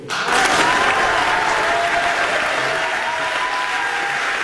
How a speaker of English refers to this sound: And the crowd goes wild, as they say. So that happened a little earlier today in the National Assembly. Paul St-Pierre Plamondon being sworn in.